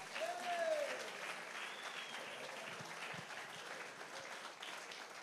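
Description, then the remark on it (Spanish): A crowd applauds steadily for several seconds, a dense, even wash of clapping, with a brief rising whistle or cheer near the start. “Si alguien lo cree, déle ese fuerte aplauso.”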